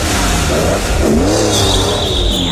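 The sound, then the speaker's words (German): A loud, tuned car engine revs hard, its pitch sweeping up and down with a sustained roar and a high whine on top, with no voices. “Aufgetunte Autos oder Motorräder, die auch gehört werden wollen und sowas von uns an uns vorbeibrettern.”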